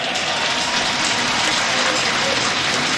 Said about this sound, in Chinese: 好的，盖尔呢结束了自己的6次试跳，掌声送给牙买加的盖尔。